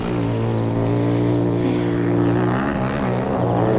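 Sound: motorcycles approaching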